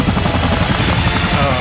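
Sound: helicopter rotor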